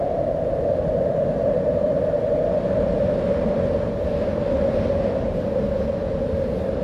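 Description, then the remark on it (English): Wind blows in a steady, unbroken roar, full of low rumble with a hollow droning tone running through it, holding the same loudness throughout with no voices. “That's not the Barkley Breeze. I just stole that off the internet, but you know what I'm talking about.”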